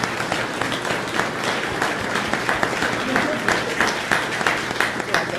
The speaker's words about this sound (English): Let us give a big applause to them.